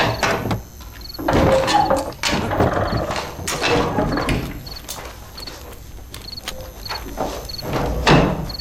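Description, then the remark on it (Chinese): A door is pulled open with clattering, mechanical rattles and knocks, followed by scattered thuds and footsteps, with no one speaking. “开门。”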